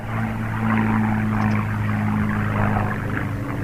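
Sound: airplane engine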